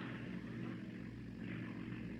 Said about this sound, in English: It's a car. That's what it is. A car all the way up here.